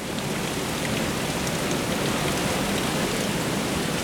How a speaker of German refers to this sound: Durchsichtige Plastikrohre führen von den Becken über die Decke aufs Sortierband. Alle paar Sekunden schießt ein Wasserstrahl einen Aal durch das Rohr bis aufs Fließband.